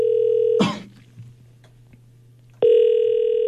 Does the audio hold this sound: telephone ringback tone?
yes